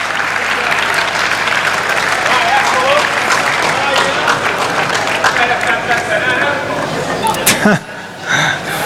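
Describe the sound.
A dense crowd of fans applauds steadily with scattered cheers at an on-stage presentation in Livorno, then the clapping thins near the end as a few voices murmur.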